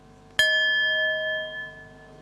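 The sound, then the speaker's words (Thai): A single bell struck once as a signal for participants to open their eyes and get to know the person in front of them, a clear metallic strike followed by a long, steady ringing tone that slowly fades, heard alone with no talking. “เดี๋ยวให้สัญญาณระฆังเราลืมตาแล้วก็ทำความรู้จักกับเพื่อนที่อยู่ตรงหน้าของเรา”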